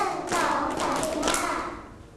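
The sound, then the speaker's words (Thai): Hands pat against a lap five times on a teacher's cue in class, in a quick, even rhythm, soft muffled slaps with a faint background and no talking. “ตบตัก5ครั้ง”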